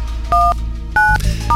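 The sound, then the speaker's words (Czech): Three short two-tone keypad beeps as a phone number is dialed for a call from Hit Radio, each tone crisp and distinct, separated by brief pauses over a low background hum. “Tak, vytočíme.”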